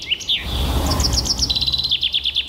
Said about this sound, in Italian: Questo è il fringuello. È l'imitazione o quello vero? Questo? Allora, l'imitazione noi non l'abbiamo trovata, ma il fringuello rosa comune fa proprio così.